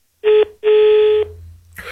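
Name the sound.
telephone line tones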